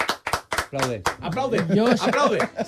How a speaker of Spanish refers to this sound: I otra más, un segundo, que esta la más importante, …. Aplauso.